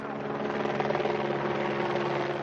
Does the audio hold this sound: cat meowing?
no